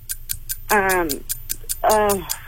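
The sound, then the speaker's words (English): A trivia quiz timer ticks steadily and quickly while two harsh, buzzy electronic buzzer tones sound in turn over it, each lasting under half a second, loud. “You did get it after the buzzer.”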